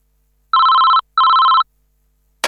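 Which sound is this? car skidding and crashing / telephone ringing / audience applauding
telephone ringing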